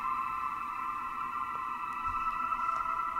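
Steady, layered electronic tones hum continuously in an ambient soundtrack from the game Microtopia, a sustained synth drone with faint flickers of higher blips, held at an even moderate level with no voices.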